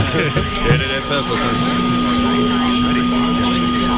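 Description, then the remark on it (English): Loud, steady radio static from a radio tuned between channels, partly left over from the Big Bang: a constant crackling hiss with a few droning tones running underneath, never pausing for the whole four seconds. “basically if you tune any radio in between channels, you get static.”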